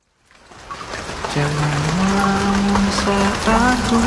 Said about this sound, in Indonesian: Jangan melamun saat hujan.